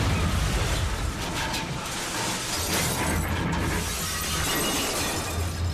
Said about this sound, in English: According to an eyewitness account, Aircraft number 53 crashed into the dense forest of the Gaoligong Mountains at an altitude of over 3,000 meters.